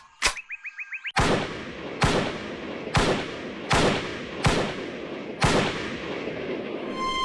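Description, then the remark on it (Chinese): A string of six crisp, loud gunshots fired at targets on a shooting range at a steady pace about a second apart, each cracking sharply and ringing out, after a brief burst of short electronic chirps. “随着一串清脆的枪声，爆靶员很快就爆出了成绩。”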